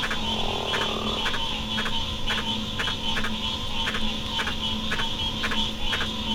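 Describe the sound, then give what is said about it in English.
A giant green tree frog from Papua New Guinea gives its advertisement call: short, sharp notes repeating steadily about twice a second over a constant background drone of insects or other frogs, clear. “This is an advertisement call of a giant green tree frog from Papua New Guinea.”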